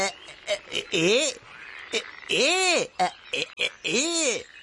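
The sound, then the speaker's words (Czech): A voice imitates a frog with three drawn-out, rising-and-falling croaks, spaced about a second apart, interspersed with short clicking and breathy mouth noises, fairly loud. “Psst, tamle žabka pšipua. Vuleze z hata, zaleze na samsne kamen,”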